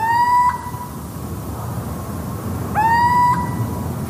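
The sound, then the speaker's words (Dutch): Two drawn-out, rising whistled hoots from a little owl's territorial song, each lasting about half a second and spaced a couple of seconds apart, clear against a low rumbling background with no talking. “Voor de roep van de steenuil hebben we de 8 meest voorkomende geluiden.”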